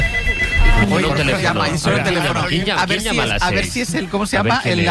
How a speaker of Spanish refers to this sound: La cosa es que ha sonado un teléfono en la radio. Ah, claro. Es verdad. Y nos ha sorprendido que sonara un teléfono a las 6 de la mañana.